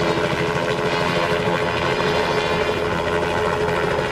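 A circling helicopter drones loudly and steadily, its rotor thumping in a fast, even pulse under a broad engine roar, with no voices throughout.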